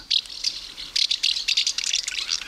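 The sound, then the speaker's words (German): House martins, among other birds, gathering in Bavaria, Germany, twittering in a rapid, dry stream of high chirps, with overlapping bursts of rattling calls that continue without pause and no voices present. “Da zwitschert's. Hätten Sie es erkannt? Ich auch nicht. Ich bin froh, dass es hier dabei steht. Das sind unter anderem Hausschwalben, die unterwegs sind.”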